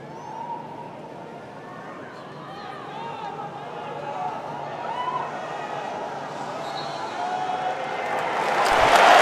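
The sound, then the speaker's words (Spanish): Dense crowd noise fills a stadium in Dallas, Texas, as the match is about to kick off: a continuous wash of applause and murmuring that swells steadily louder toward the end, with no voices standing out. “Los aplausos que caen en Texas, en Dallas, va a arrancar el partido.”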